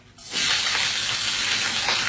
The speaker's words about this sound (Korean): 무슨 소리인지 아셨죠? 지글지글지글지글. 맛있는 소리. 조금 있으면 추석날 많이 듣게 될 바로 이 소리. 동태전, 녹두전, 산적꼬치, 동그랑땡 부치는 소리 아니겠습니까?